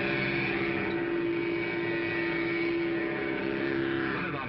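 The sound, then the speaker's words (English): A Mattel Varum hot rudder toy engine for children's trikes, started with its own key and worked by a remote control, drones steadily: a loud buzzing motor whine with layered harmonic tones that holds nearly constant throughout, with no voices. “Start it like Dad's key starts his car. The remote control is up here where it belongs. Sounds like a real engine.”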